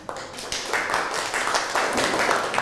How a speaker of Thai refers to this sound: ปรบมือให้กับเพื่อนหน่อยครับ